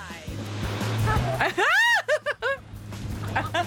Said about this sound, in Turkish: Gerçek dalgalar. Bu dalgalar havuzun arkasına yerleştirilmiş 150 beygir gücündeki 5 türbin tarafından yapılıyor. Bu dalga havuzunda 4000 ton su bulunuyor.